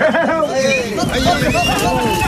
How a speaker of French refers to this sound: Cette ambiance, elle est vraiment de chez nous. Camargue, Petite Camargue, ces sons mélangés de chevaux, taureaux et manadiers, c'est une signature ici.